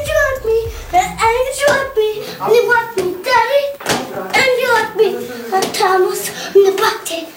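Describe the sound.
An old home recording of a toddler, later a pop star, singing in a high, wavering little voice, phrase after phrase, with faint taps and handling noises in the background.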